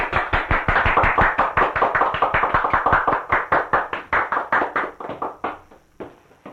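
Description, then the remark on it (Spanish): Steady, fairly loud applause from a small group for a worker receiving gifts and a Christmas bonus envelope from the company, rapid overlapping claps with a brisk even rhythm that thins out and fades over the last second. “¡Aplausos!”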